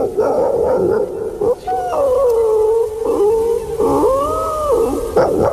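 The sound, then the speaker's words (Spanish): A person vocally imitates a distant village dog howling, as heard on arriving in a village at 4 in the morning: a series of drawn-out, wavering howls that rise and fall in pitch, broken by short yips and breaths, loud and steady throughout. “el perro lejano de los pueblos”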